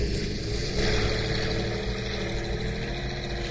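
A V12 engine runs with a dense, throaty drone, swelling slightly early on and then holding a steady, rumbling pitch throughout, with no voices.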